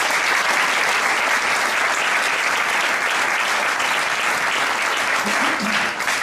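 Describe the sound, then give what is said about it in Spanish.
Sustained applause from a sizable audience at the presentation of the Pepinito de Leganés at the Park Sur hotel in Westfield Park Sur, loud and steady throughout, a dense wash of clapping hands with no pauses and a faint murmur of voices beneath it near the end. “Un aplauso también.”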